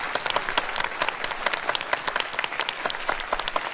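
Steady audience applause for Team B after their performance in a debate on AI governance, dense overlapping claps with sharp crackling transients throughout, fairly loud and sustained without any voices on top.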